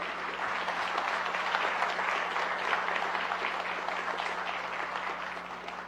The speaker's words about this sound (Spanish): Ahora sí, aplausos.